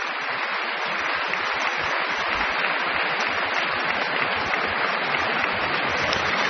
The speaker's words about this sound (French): Très applaudie aussi par la chef qui la suit, sortant de la coulisse. La jeune soliste est aussi très applaudie par les musiciens de l'Orchestre de Paris que la chef Bahari fait se lever.